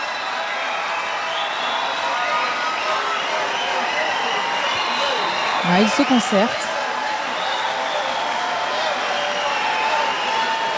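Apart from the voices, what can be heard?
concert crowd cheering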